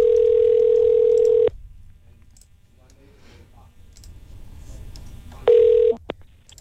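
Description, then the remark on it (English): A loud, steady telephone dial tone hums for over a second, then cuts out to quiet, faint clicking like keys being pressed, before a brief burst of tone returns and a sharp click ends it, as the Eagle 93.5 radio station phones a listener to pick a contest winner. “Let's get to the phone lines.”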